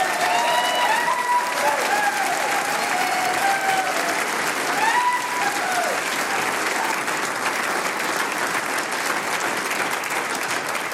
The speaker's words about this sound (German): 40 Jahre … und liebe Damen und Herren da im Saal, ich würde sagen, wir gratulieren dieser Gruppe einmal mit einem ganz, ganz besonderen Applaus. Liebe …, der Applaus ist für euch.